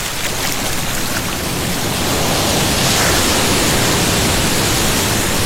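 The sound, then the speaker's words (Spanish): Ocean waves wash onto a beach at San Andrés Islas in a loud, continuous hissing roar that swells slightly partway through, with no voices and no distinct individual breaks. “Sentir las olas. El sonido del mar.”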